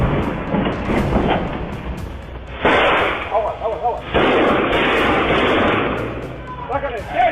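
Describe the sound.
Heavy gunfire from hitmen's high-caliber weapons, fired in all directions, rattles in dense, loud bursts with sharp surges of shots, while the victims' voices shout and scream faintly beneath the barrage.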